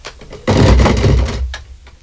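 A door is opened with a loud, drawn-out scraping rumble lasting about a second, preceded by a few soft clicks and followed by fainter handling sounds.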